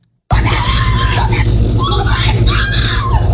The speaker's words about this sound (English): That was that victim screaming as she ran outside for help, covered with blood. The surveillance video was obtained by the NBC TV station there.